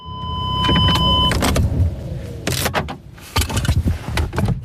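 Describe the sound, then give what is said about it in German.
A car arrives at Jennys airfield in Switzerland under low clouds, in light rain at just under 12 degrees, with a steady low engine rumble, a whirring electric window and a few clunks of the door or body, the noise shifting as the vehicle comes to a stop. “Über der Lindebene hängen noch tiefe Wolken und es regnet leicht bei knapp 12 Grad, wo ich mit dem Auto auf dem Flugplatz Jennys ankomme.”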